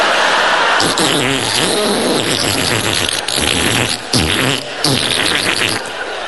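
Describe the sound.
Loud sputtering suction noise from a dental suction pump attached to the inside of a cheek, buzzing and gurgling continuously with wobbling pitch that dips and rises, like rude farting sounds, with brief breaks in the flow.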